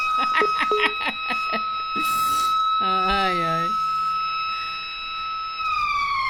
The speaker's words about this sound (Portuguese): Olha, aquela buzina vai entrar aí mais não, né? Aquela buzina, aquela sirene aí não, né?